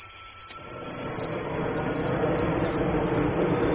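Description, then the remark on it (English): A jet plane flying over the Amazon rainforest gives a steady engine roar that fills the low and middle range and swells slightly toward the end, while high, continuous insect buzzing and chirring hums above it. No one speaks. “You can hear how much that jet just overpowers a huge range of frequencies there.”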